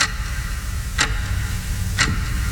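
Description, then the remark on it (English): A clock ticks steadily, about once per second, each tick sharp and crisp, heard over a low, continuous background rumble. “That sound, it's not a clock. It's how long you've been thinking about updating your kitchen.”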